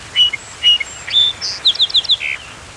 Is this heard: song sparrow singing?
yes